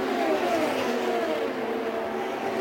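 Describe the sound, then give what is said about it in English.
High-pitched IndyCar racing engines whine loudly and continuously, their tone sliding slightly lower as the cars, led by Scott Dixon, streak down through turn one and the short chute, with no voices over the roar. “Down and in through turn one, the leader's already passing through the short chute and shoot, and Pagano looks like he is getting closer and closer to making a move.”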